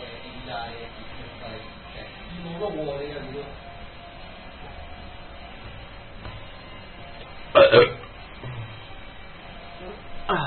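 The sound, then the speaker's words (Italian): A single loud, short fart bursts out partway through, standing out against quiet background murmuring of voices. “Ho petato e ho scoreggiato.”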